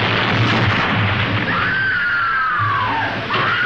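A loud, sustained roar of an explosion aboard the capsized, flooding ship in the film The Poseidon Adventure fills the scene with dense rumbling noise, while a high, wavering whine or metallic groan slides through the middle before cutting off. No one speaks.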